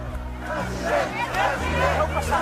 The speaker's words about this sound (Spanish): Fue recibido así, a gritos de president, president. Pero esos gritos eran en 2024.